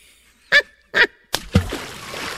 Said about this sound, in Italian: Troppi spruzzi.